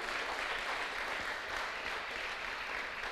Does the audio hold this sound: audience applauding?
yes